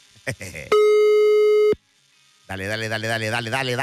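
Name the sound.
telephone ringing tone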